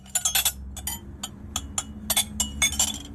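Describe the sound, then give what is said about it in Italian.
Dishes and plates clink together in a quick, irregular series of bright, sharp knocks, about a dozen in three seconds, over a low steady hum with no talking. “Fai piano con i piatti.”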